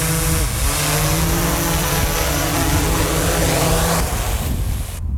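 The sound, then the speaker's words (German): A fawn-rescue drone landing: a steady, loud motorized whir with a tonal hum, holding level before the pitch shifts and the sound cuts off abruptly near the end. “Und so tönt die Drohne, wenn sie landet.”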